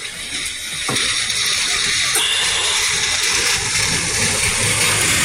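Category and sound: nature, rain falling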